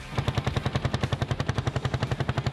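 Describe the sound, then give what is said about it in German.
A two-stroke engine of a vintage vehicle at the 19th Oldtimer show in Lauta, Marienberg, on 23 May 2026 in fine weather putters steadily, a rapid, even train of sharp pulses with a low throbbing base and a raspy upper edge, running alone without any voices. “Mit dem Duft sowie dem Sound vieler Zweitaktmotoren wurden die Leute begrüßt.”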